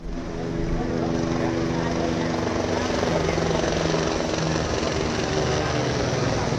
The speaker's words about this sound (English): Helicopters are now able to get into the area.